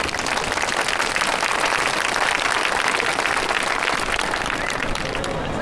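An audience applauds steadily for several seconds after a contestant's speech at a speech competition, with dense, even clapping from many hands at a constant, fairly loud level. No one speaks.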